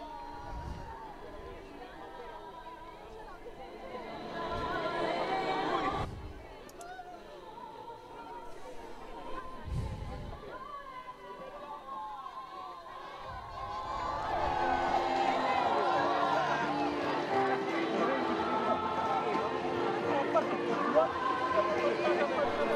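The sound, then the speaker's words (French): A crowd chatters and murmurs continuously around Pope Leo as he rides through it in the popemobile, greeting and blessing children, with many overlapping voices; the hubbub swells louder in the second half, with scattered brief shouts and bursts of cheering. “Terme de cette promenade au milieu de la foule en papa mobile.”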